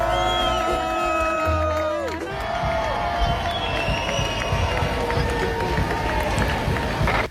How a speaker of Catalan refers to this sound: Bé, ja veus, aplaudiments, ja que la gent estava allà